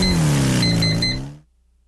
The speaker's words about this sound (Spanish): Para vivir una experiencia diferente, conoce la nueva CF Moto 500 SR, equipada con un impresionante motor de 4 cilindros, diseñado para quienes buscan potencia, sonido y emoción en cada aceleración.